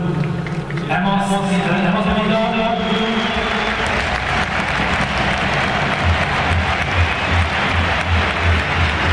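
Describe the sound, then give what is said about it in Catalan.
A large audience applauds Robert Lewandowski steadily for about nine seconds, a dense, loud wash of clapping with crowd voices mixed in and no break in the noise. “Tornen a aplaudir-lo a Robert Lewandowski, que deia, ara explicava, no va explicar coses que han viscut.”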